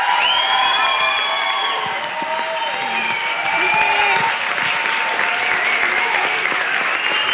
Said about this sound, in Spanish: así que denle un aplauso, por favor, a nuestros radioescuchas.